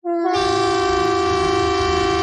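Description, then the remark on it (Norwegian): A loud, steady civil defence warning siren (typhoon horn) blares continuously during a police and civil defence test of emergency warnings on 10 June at 12 o'clock, its rich harmonic tone rising abruptly and holding at full strength with a low rumbling undertone, heard alone without any talking. “Og tyfonene.”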